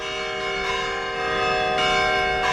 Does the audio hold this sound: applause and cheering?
no